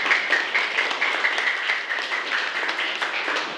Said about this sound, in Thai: ปรบมือให้กับเพื่อนๆตัวแทนด้วยค่ะ